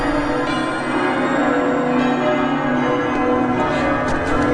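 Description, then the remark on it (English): Church bells ring continuously, their overlapping tones blending into a full, resonant wash of sound that holds steady throughout, with no voices present. “Oh, listen to the church bells. They're beautiful.”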